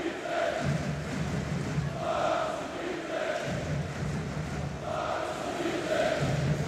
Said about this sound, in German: Jetzt richtet sich oder wird aufgerichtet, Maximilian Wittek steht wieder. Und so gibt es zwar einen Applaus von den Rängen und die Sprechchöre.